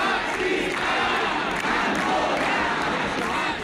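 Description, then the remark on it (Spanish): Hundreds of protesters gathered in front of the town hall, called by GKS and other organizations against racism and fascism, shout slogans such as "racismo no es seguridad" together, many raised voices blending into one loud, continuous roar that holds steady for a few seconds. “Al lado, frente al ayuntamiento, otras cientos de personas que se concentraron convocadas por GKS y otras organizaciones para protestar contra el racismo y el fascismo con gritos de racismo no es seguridad.”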